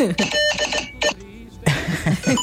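A vote-counting machine sound effect: a cash register-style machine rattles and chimes with bright electronic beeps in choppy bursts, pausing briefly before starting up again louder and busy.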